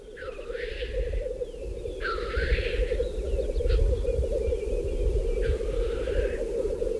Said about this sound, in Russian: Вот они, поют общим гуртом, бормочут, шипят. Это общий гул 20 тетеревов в сосновском охотничьем хозяйстве.